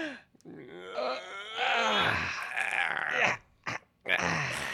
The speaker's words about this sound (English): You do the old yawn move.